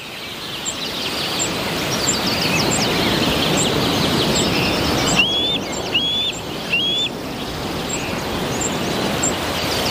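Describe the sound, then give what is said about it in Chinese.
A juvenile bald eagle, about 11 weeks old, standing on a branch, gives thin, high-pitched piping chirps, scattered short notes with a quick run of three rising calls midway, over a steady rushing background noise. “白头海雕正站在枝头俯瞰四周。”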